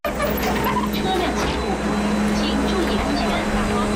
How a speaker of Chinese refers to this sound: 傍晚时分，目送最后一辆转移大巴驶离，